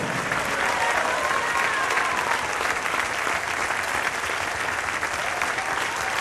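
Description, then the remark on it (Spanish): A crowd claps loudly and steadily as applause offered to Jesus, a dense, unbroken wash of many hands that holds at full strength for about six seconds without fading. “Le vamos a dar un fuerte aplauso a Jesús, nuestro fiel amigo.”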